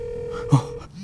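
A steady electronic phone tone hums for most of the moment, broken by a brief muffled vocal sound midway, then shifts to a lower tone near the end, like a call connecting; the call is placed through Siri on a hidden mobile phone.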